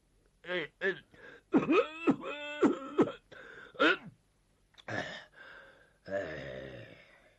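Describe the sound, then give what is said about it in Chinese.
A man's voice imitates the elderly Zhao Erxun's fit of coughing and throat clearing at the start of a meeting: several strained, groaning bursts, wheezy gasps between them, then a drawn-out honking snort of nose blowing, loud. “老头太老了，动不动了上气儿不接下气儿，先咳嗽一顿，又擤鼻涕又擦眼泪，你说这个麻烦劲儿吧，足有五分钟他才收拾完。”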